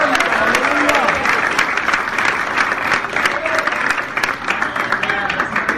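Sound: audience applauding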